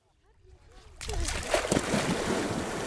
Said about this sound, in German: Eine spritzige Abkühlung hier im Pinnower See bei Murchin, kurz vor Usedom. Für viele Einheimische ist dieses Waldbad noch immer ein Geheimtipp. Gerade jetzt, bei diesen hochsommerlichen Temperaturen.